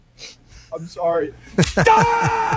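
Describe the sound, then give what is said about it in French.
A man's voice speaks tensely, then a single sharp slap across the face cracks out as hockey coach Babcock slaps a goalie, followed by strained vocal sounds. “Babcock donne une claque sur la gueule à ….”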